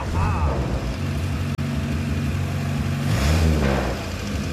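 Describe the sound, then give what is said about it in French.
A Morris Minor Traveller's exhaust crackles over a steady, throaty low engine rumble, with a brief cut midway and a short rise in revs near the end; no one speaks. “Écoutez cet échappement. Ce crépitement. C'est vraiment typique de la Morris Minor.”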